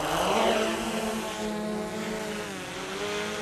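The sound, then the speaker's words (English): A drone designed for search and rescue, used here to move sheep, takes off; its propellers buzz loudly and steadily, a high whining drone with a pitch that rises and wavers as the craft lifts off, with no voices. “Clever thing about this drone, it was designed for work in search and rescue, so it's got a speaker on it just here which can transmit messages to stranded climbers and hikers”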